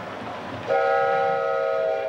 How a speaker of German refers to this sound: Über die Las Animas-Brücke kommt der Zug in das Tal der Büffel, in dem es damals noch Büffel gab.